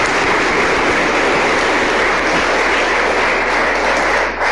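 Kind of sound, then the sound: crowd, applause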